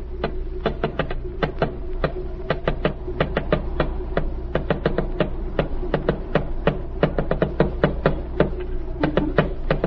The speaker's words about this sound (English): Then tap out the message. I can't stand here all day.